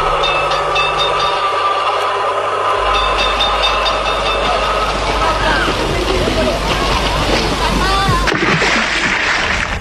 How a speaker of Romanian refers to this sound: Am luat tramvaiul până la strandul portului.